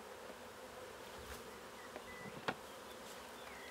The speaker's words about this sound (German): Wird das Bienenvolk mit fast 20.000 Bienen sein neues Zuhause akzeptieren? Freiwillig in den Korb spazieren?